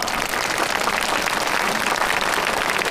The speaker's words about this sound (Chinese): 让我们掌声送给他。